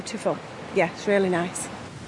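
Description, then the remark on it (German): A steady, broad rushing of falling water from the High Force waterfall in England, where the water drops 21 metres vertically, fills the background while a person talks in short phrases over it. “Das kräftige Rauschen kündigt ihn an, den Wasserfall High Force, der zu den größten Englands zählt.”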